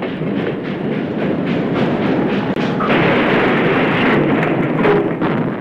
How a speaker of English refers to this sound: Now the engine passed right by the house as it neared the Honey Creek Bridge.